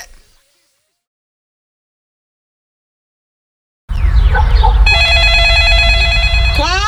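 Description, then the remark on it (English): Silence gives way to a burst of noise, then a telephone rings loudly, a steady, bright electronic tone held for about two seconds over a rumbling background. “Ma, your luck is calling.”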